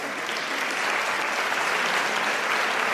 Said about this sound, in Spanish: Un aplauso.